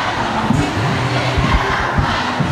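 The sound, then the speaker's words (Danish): A large crowd of protesting students shouts together at a demonstration against high teacher absence, overly long school days and run-down schools, a steady, dense roar, many voices blending into one loud, continuous wall of sound with no single speaker standing out. “Og sådan her lyder det, når de forsøger at råbe magthaverne op.”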